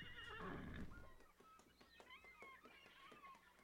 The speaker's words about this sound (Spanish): ¡Traed el caballo del capitán!